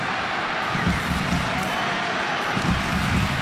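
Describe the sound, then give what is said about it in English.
A large stadium crowd at a rugby league match cheers in a dense, continuous roar that holds steady for a few seconds, loud and enveloping, with no single voice standing out. “Listen to the crowd here.”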